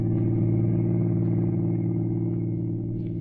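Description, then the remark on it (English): A car's steady engine drone and road rumble carry on evenly throughout, loud, like riding inside a car rolling smoothly along a lonely highway at a constant speed in the evening, with no voices. “For the next evening at 8, he was behind the wheel of a car, rolling smoothly along a lonely highway.”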